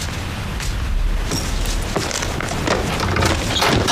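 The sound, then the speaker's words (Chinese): Loud, heavy knocking on a door, a handful of irregular booming thuds against a steady rumbling noise, with no one talking. “你敲门就不能轻一点吗？”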